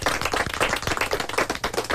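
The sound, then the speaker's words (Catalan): Steady audience applause from a crowd during a radio programme, many hands clapping at once in a dense, continuous patter that holds at an even level throughout, with no voices on top. “I ara que estan fent aplaudiments, he de demanar també un altre”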